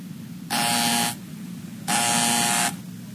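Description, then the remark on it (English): A door buzzer sounds twice as a UPS delivery man arrives with a package, loud, harsh electric bursts, the second a little longer than the first, with a short pause between them. No one speaks. “Do you want me to see who's at the door?”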